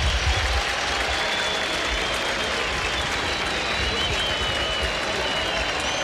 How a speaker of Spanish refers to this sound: cambio en la U, se va Elías Rojas, escuchen los aplausos.